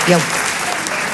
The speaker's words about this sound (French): Bien sûr, je m'applaudis.